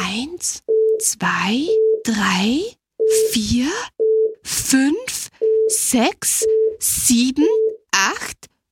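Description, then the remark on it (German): A series of short, steady electronic beeps repeats at an even pitch, alternating with bursts of a voice talking over and between them, all fairly loud. “Und jetzt piepst er schon wieder.”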